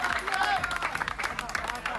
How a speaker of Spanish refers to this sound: Pero los aplausos duran poco.